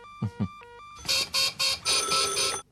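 A red telephone rings in several loud, bright bursts of jangling bell tone, preceded by a couple of soft low thumps and a faint steady tone.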